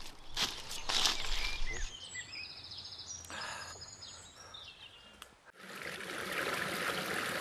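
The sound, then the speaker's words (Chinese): A mountain forest stream, used as a bathing spot, flows steadily with a constant rushing hiss, while a few bright birdlike chirps and light rustling rise over it. The water grows fuller and steadier toward the end. “我们到溪边了，我们在这洗澡，来，过来。”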